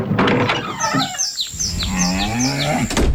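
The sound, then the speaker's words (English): A cow lets out a long, low, drawn-out moo, loud, while small birds chirp in a quick repeating pattern in the background. “Real country till the cows come home.”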